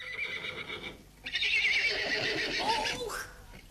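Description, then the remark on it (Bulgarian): A horse whinnies loudly, a long shrill neigh that rises and trembles before fading, with a shorter call at the start and faint hoof clops beneath. “Почакайте сега да принеса коня от терасата долу и тръгваме.”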